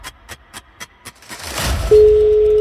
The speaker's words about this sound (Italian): rispondete 90. 5 squilli al massimo.